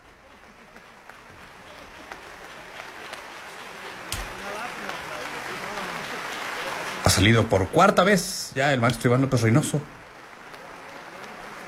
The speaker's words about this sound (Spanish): Sigue recibiendo aplausos junto con la Orquesta Sinfónica de Xalapa. Y al parecer ahora sí, hemos terminado con los aplausos.